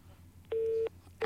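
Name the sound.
phone call connecting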